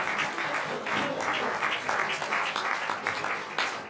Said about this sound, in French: On peut les applaudir, c'est formidable.